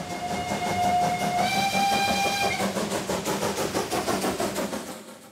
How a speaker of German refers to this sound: Was mich fasziniert an der Dampflok ist das Zusammenspiel von Kohle, Feuer, Wasser, Dampf. Und den lassen die Museumseisenbahner für die Festwoche noch bis zum 2. August ab.